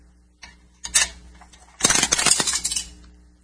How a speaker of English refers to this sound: Here's a dime. Throw it in the radio.